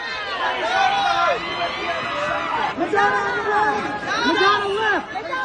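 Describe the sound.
Many voices shout over one another in a loud, continuous clamour, with high, strained calls rising and falling as photographers yell to get attention on a red carpet.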